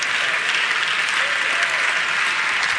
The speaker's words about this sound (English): Thank all 20 of y'all for clapping on that. I appreciate that.